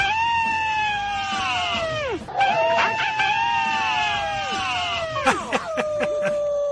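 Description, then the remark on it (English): People imitate howls with their voices: two long, sustained, fairly high-pitched wails, each holding steady before sliding down sharply at the end, followed by a shorter trailing note. “I think that's some of the best collections of howls we have to date.”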